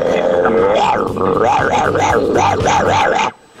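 Dogs bark and howl loudly, a rising wail giving way to a quick run of rhythmic, yelping cries that cut off abruptly after about three seconds.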